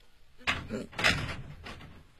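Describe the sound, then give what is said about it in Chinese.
A door being opened after police call out for it to be opened: a few quick clunks and a short scraping slide, moderately loud, with no talking over it. “警察，开门啊！”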